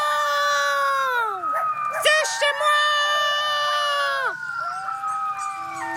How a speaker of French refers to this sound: Les hurlements d'un coyote entraînent toujours ceux de ses voisins. Et deux coyotes qui hurlent ensemble peuvent donner l'impression d'un chœur de 12 voix.